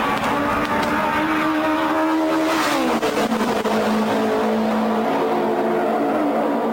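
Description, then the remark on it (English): A loud, high-pitched racing engine of Andy Granatelli's 1960s Novi race car at the Brickyard (Indianapolis) roars steadily, its harmonic whine sliding downward midway as it shifts or passes, then settling into a sustained snarl with no one speaking. “STP had segued to the sound of silence, going from having the loudest car in Gasoline Alley to the quietest.”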